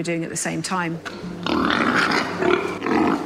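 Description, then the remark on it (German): Pigs grunt and squeal in a crowded scrum as they are given a limited amount of feed for an experiment, the dominant pigs pushing the weaker ones away; a harsh continuous jumble of snorts and shrill cries following a few brief voiced calls at the start. “Für den Versuch bekommen die Schweine eine begrenzte Menge Futter. Die dominanten Tiere drängen die Schwächeren weg.”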